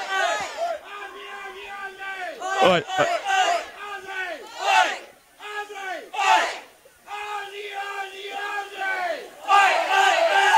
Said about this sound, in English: Well, there you go. The crowd really getting behind it here. Just hearing the Aussie chant.